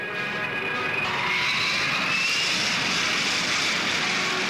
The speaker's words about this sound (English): And listen to the Rolls-Royce Spey engine. First come taxiing tests.